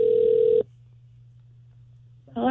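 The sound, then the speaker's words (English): A phone line ringing on an outgoing call made on the Kid Craddock Morning Show: one steady buzzing ring tone, a long silent gap, then the next ring just beginning, clear, with no talking. “Yes, so we're still in the B's, so I called”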